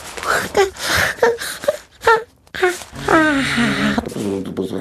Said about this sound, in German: Der kleine König gähnt.